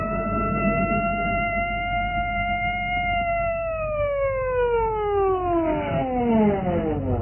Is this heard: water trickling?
no